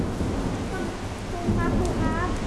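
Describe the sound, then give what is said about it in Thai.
Steady rain hisses throughout as a storm approaches, while a low, rolling thunder rumble swells slightly midway, with faint voices or chirpy tones briefly surfacing near the end. “ลูกเตรียมพร้อมมาเลยเหรอคะเพราะฝนจะตกแล้ว”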